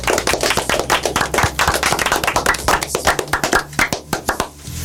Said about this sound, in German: Auch für euch einen Applaus.